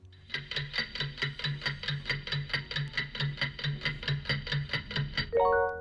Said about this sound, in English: Can we get a timer for our listeners, please?